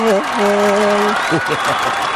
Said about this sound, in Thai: ขอเสียงนะครับปรบมือต้อนรับ